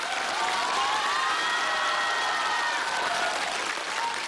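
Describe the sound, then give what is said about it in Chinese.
An audience applauds steadily for about four seconds, a dense, even wash of many hands clapping at constant loudness, with a faint murmur of crowd voices underneath and no one speaking. “我看谁鼓掌？”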